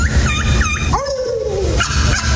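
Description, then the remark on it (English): A champion turkey caller's call, among the top turkey callers for 2026: two quick, curling high yelps followed by a long, wavering note that slides slowly downward, all over a steady low rumble, with no talking. “But what about a champion turkey? The top turkey callers for 2026.”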